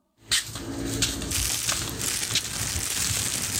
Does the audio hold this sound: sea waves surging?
no